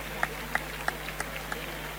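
Scattered, faint applause from a bullring crowd during a bullfight, applauding because the bull holds on as it dies: a handful of distinct claps at a fairly steady pace over a low, steady background hum.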